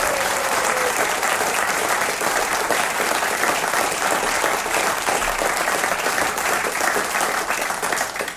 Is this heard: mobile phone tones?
no